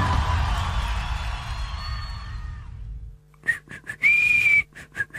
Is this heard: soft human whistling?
yes